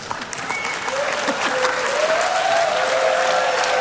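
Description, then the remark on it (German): A stage show audience applauds steadily, the dense clapping holding at an even level and swelling slightly toward the end, with a faint high whistle or tone threading through it. “Ja, das ist euer Applaus.”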